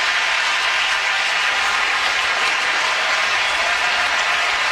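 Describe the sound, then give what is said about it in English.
A large baseball stadium crowd applauds Christopher Sanchez in a 1-1 Major League Baseball game as his scoreless streak ends, a dense wash of clapping and cheering that holds at an even, loud level throughout, with no voices standing out. “And listen to the crowd applaud Christopher Sanchez here in a 1-1 game.”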